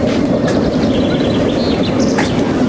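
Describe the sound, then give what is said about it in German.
A roller-coaster-style ride train carrying a group of teenagers rumbles steadily as it pulls away, with thin high squeals from the wheels cutting in now and then; loud and continuous, with no voices. “Sie mussten noch warten, bis eine Gruppe Jugendlicher vor ihnen abgefahren war.”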